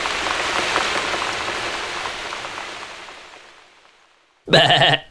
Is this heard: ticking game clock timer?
no